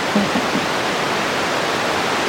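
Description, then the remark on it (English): Steady, full-band static hiss from a bat detector, loud and unbroken throughout, with a few faint low blips near the start and no voices. “We're currently live over the sound bed of your bat detector.”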